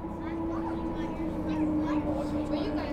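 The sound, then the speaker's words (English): A steady, droning engine hum of a passenger ferry crossing Vancouver Harbour, loud and continuous with a low tonal whine running throughout, heard from on board during the roughly 10-minute crossing. “People riding on the C-bus have to listen to this hum for the 10 or so minutes that it takes to cross visually spectacular Vancouver Harbour.”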